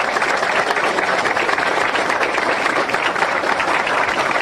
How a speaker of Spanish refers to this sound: La entrega de este testimonio y reconocimiento, fuerte los aplausos, señoras y señores.